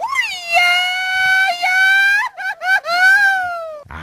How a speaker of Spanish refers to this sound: Ándale, acá un más grito de celebración, así como la celebración de fiestas patrias. Así que ahí está, ya lo escuchó, este es el sonido, No serás tú gritando, güey, dices que es un mariachi.